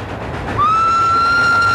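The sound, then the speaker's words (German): A train rumbles steadily along the rails, loud, and after a moment a sustained high whistle-like tone joins in and holds to the end. No one speaks. “Die Eisenbahn ist immer noch das sicherste Verkehrsmittel”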